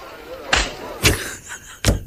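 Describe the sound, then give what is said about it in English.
A man's hand slaps a woman's bottom in a film scene with sharp smacks, three crisp hits spaced unevenly over about two seconds, each fading quickly into a quiet background. “And then he slaps her on the bottom.”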